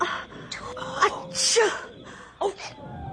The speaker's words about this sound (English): …, they heard you sneeze.